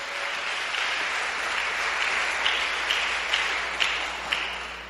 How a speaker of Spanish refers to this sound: ¿Cuánto dan gloria a ese Dios poderoso? Dale ese aplauso al que vive por los siglos de los siglos.